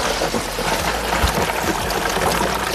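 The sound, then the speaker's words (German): Water pours steadily onto chunks of ice for a cold shower in a fairly loud rush, with continuous splashing and gurgling that holds an even level for about three seconds, no voices. “Kommt Wasser rein.”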